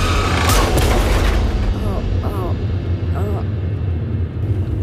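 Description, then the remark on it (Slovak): A car, swerved aside at the last moment, crashes into the guardrail on the SMP bridge: a loud, heavy crash rings out early on, a burst of grinding metal over a deep, sustained rumble that keeps roaring afterward, with faint chirping sounds scattered through the noise. “Ale na poslednú chvíľu strane volant na bok. A narazí do zvodidiel.”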